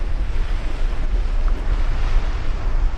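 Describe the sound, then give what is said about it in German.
Strong wind buffets the microphone while surf crashes and rushes along the Atlantic coast of Tierra del Fuego, at the southern tip of Argentina, a dense, steady roar of waves and gusts with no voices. “An der südlichsten Spitze Amerikas, im äußersten Süden von Argentinien, auf der Insel Feuerland, wo der Wind über den Atlantik an die Küste peitscht”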